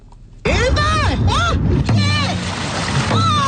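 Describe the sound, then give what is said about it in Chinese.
Dragon boat crews train at 6 a.m. on the Harbin section of the Songhua River, paddling hard through the water with drumbeats, steady splashing and a crew's loud rhythmic shouts rising over the rushing, wave-like noise, continuous after a sudden start. “清晨6点的松花江哈尔滨段，鼓点铿锵，浪花飞溅，多支龙舟队开启了一天的训练。”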